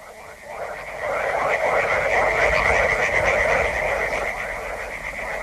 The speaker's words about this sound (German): Die Frösche in den Altwässern, sie sind so laut, dass ich dich nicht höre. Sie sollten noch lauter sein.